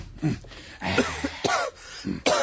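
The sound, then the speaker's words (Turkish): A loud bout of coughing from a person who has been coughing constantly for a week, at a doctor's: several harsh bursts in quick succession with short raspy gaps between them, with no talking. “Çok fenayım. Bir haftadır devamlı öksürüyorum.”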